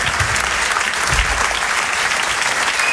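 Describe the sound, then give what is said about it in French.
A large audience at the Rire et Chanson Comedy Club, on stage at the Apollo Théâtre in Paris, claps steadily and loudly for comedians Arnaud Cosson and Cyril Le Doublé, a dense, sustained wash of applause for the full duration with no voices standing out. “On peut les applaudir très très fort.”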